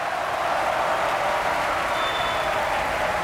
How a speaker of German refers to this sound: Dieser Applaus gebührt dem Einäugigen mit Speer. Nicholas Brownlee. Als Wotan in der Walküre hat er sein Debüt gegeben.